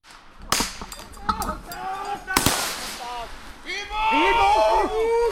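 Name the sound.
explosions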